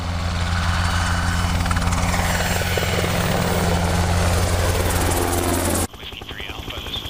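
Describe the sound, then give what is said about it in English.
A Black Hawk military helicopter roars loudly and steadily, its heavy rotor thump and engine whine filling the scene, before the sound abruptly cuts to a quieter background. “Nolan Beck has been flying for 18 years and is a test pilot on one of the most successful military helicopters ever made, the Black Hawk.”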